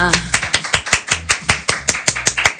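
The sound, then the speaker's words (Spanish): A live audience on a morning show at 9:30 a.m. claps in a steady, quick rhythm, sharp bright claps landing about five times per second, fairly loud, with a faint voice underneath at the start. “Venga, acérquense, chicos, y salen los aplausos acá en vivo.”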